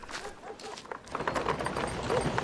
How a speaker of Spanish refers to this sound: Y vino Naamán con sus caballos y con su carro y se paró a las puertas de la casa de Eliseo.